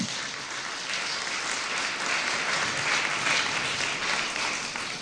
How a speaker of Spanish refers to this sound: ¿Cuántos dicen gloria a Dios? Den un aplauso, por favor, al Señor.